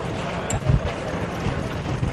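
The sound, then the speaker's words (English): Steady, loud wind buffets the microphone outdoors in Tenerife, a dense roaring rush with low rumbling gusts that swell briefly, with no clear speech. “As you can see, it is very windy here in Tenerife”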